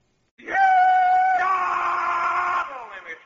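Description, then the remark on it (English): A single loud, drawn-out rebel yell from one voice, holding a high pitch, then jumping to a rougher, strained tone before trailing off after about three seconds, done to open the Stan Freberg show. “I'm just doing the rebel yell here to kind of kick the Stan Freeberg show off, you know what I mean?”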